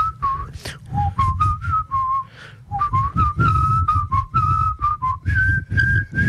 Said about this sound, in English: Someone whistled the first phrase to Bella Ciao while we were all meant to be quiet on the ground.